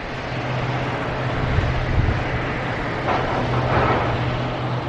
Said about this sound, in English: Moatize Mine is run by the Brazilian mining company Vale. The trucks here work day and night, each carrying up to 400 tons of coal.